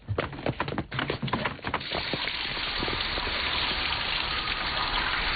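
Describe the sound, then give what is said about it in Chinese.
A few quick knocks and clatters give way to a steady, hissing rush of running water in a shower room that continues evenly until the end, with no voices. “要么我带你到淋浴间冲个澡再走吧。”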